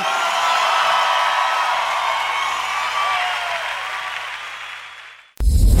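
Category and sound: crowd, loud applause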